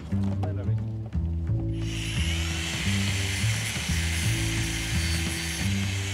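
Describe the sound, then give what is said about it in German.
An angle grinder spins up after a moment and cuts steadily with a loud, high-pitched whine and gritty hiss, running over a repetitive, low thumping background until the end. “bring mal die Flex. Die Flex.”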